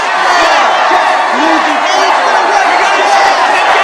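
A large crowd of young voices, protesting child workers (newsies) filling the street with signs and copies of the Newsies banner, cheers and shouts continuously, a loud, dense wall of overlapping yells and whoops that holds steady throughout without any pause.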